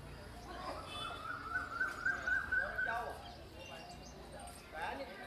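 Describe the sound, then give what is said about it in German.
Birds singing, 'the birds of Kumbaya', from a short untitled piece composed for a theatre play staged in Zuthaus: a run of quick, repeated high chirps and warbles for a couple of seconds, then softer scattered calls over a steady low background hum, with a brief burst near the end. “Ja, es hat keinen Namen, aber hören Sie gerne die Vögel von Kumbaya.”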